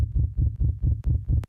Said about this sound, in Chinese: 心跳指数上升中。